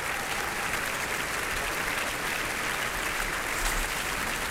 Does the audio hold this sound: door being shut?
no